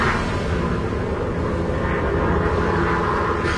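A propeller rescue plane drones steadily overhead, a loud, continuous engine roar with a low rumble that holds constant throughout, no voices present.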